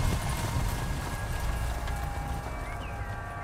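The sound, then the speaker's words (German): Steady clip-clopping of horse hooves pulling Colonel Ross's carriage from the railway station to the Wessex Cup race near Winchester, a rhythmic run of moderately loud beats over low rumbling wheels and background noise, with no talking. “Verabredungsgemäß holte uns Colonel Ross mit einer Kutsche von der Bahnstation ab und fuhr mit uns auf direktem Weg”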